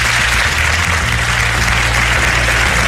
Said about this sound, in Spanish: un aplauso por favor para Isabel